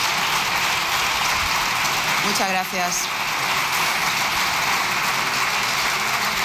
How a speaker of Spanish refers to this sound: No es a ella, es el Grupo Popular aplaudiendo a Núñez Feijóo. Ha gustado mucho la intervención de Feijóo a los diputados del PP.